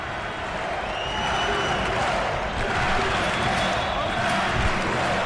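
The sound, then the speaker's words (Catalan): A basketball crowd cheers and roars steadily for several seconds as player Guillem Vives rouses them after stealing the ball and scoring, a dense wall of voices with scattered clapping and a few sharp thumps like a ball bouncing on the court. “Ha robat la pilota Guillem Vives, i Vives que fa animar la gent.”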